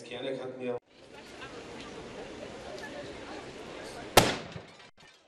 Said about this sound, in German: Kurz nach der Mittagszeit sorgte eine Explosion für Aufsehen. Bei ehemals Stempel und Gravuren sollte historische Löschtechnik aus der ehemaligen DDR, die zum Teil in den Feuerwehren der neuen Bundesländer noch eingesetzt wird, vorgeführt werden.